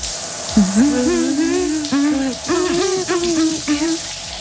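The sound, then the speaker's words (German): Shower water runs with a steady hiss throughout, while a voice hums or sings a wordless melody over the spray in long, sliding phrases. “Deswegen, Leute, wir hören noch mal weiter unter die Dusche rein.”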